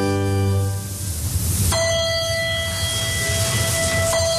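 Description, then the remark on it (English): A chapel bell chimes in slow, separate strikes to start a service in a small chapel. Each strike leaves a long, shimmering hum that lingers before the next. It rings clear, with no voices. “Bell chimes to start a service in a small chapel off to the side.”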